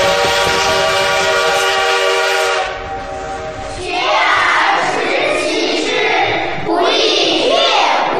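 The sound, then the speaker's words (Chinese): A steam locomotive on the Hangzhou to Jiaxing railway, on the line's first day of operation, sounds a long, loud, steady horn blast for a couple of seconds, then breaks into a heavy, hissing rumble and chuff that surges in waves as the train rolls on. “此刻，不知蒸汽机车的轰鸣给这个男孩带来了多大的震撼。”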